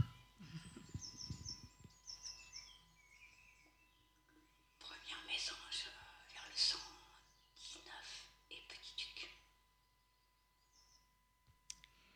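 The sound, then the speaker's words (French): Calls of a small tit and a scops owl: short, high chirping bursts near the start, mixed with scattered clicks and rustling noise, while a faint steady tone lingers in the background of an outdoor dawn scene. “Et donc là, vous allez entendre une petite mésange et un hibou petit duc.”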